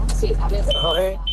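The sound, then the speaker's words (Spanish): A high, steady electronic alarm tone beeps twice, fairly loud, cutting over a man from Extremadura talking on a muffled, narrowband phone line while calling in to a live show. “No, pero la alarma nos ha fastidiado un poco el audio, ¿eh?”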